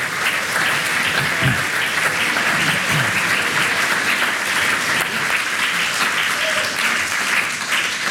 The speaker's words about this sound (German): Applaus von mir. Merci vielmals, sind ein super Publikum.